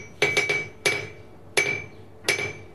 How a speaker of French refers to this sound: Voilà, donc on avait des choses comme les enclumes. Hein. On peut entendre d'ailleurs le bruit. Alors, pour l'enclume, moi, il faut que je me recule avec le micro parce que c'est très fort. C'est très fort.